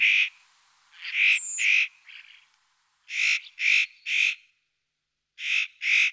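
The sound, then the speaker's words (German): Harsh, rasping spotted nutcracker calls, repeated in short clusters of two or three with brief pauses between, fairly loud, with no one speaking. “Mein Vogel der Woche. Der äußerst cute Tannenheer, Nutcracker.”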